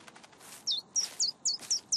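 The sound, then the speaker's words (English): A small bird, Birdie, chirps in a quick, steady series of about six bright, high-pitched tweets while making a nest on top of a person's head, clear over a quiet background with no talking. “But it looks like the birdie's making a nest on top of your head.”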